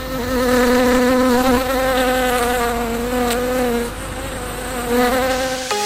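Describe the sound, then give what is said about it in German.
Steady buzzing of a few bees in a garden, droning continuously for several seconds, with slight wavering in pitch as they move, loud and without any voices. “Also im Garten, paar Bienen, heißt, ihr habt keinen Steingarten.”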